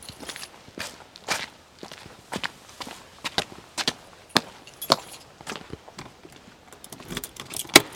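A tour set of keys on a ring jangles and clinks in sharp metallic bursts alongside irregular footsteps, at the building housing Poland's largest optical telescope, moderately loud, with no one speaking.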